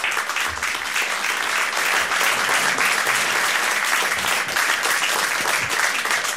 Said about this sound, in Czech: My si sedáme pomalu, aby potlesk byl delší.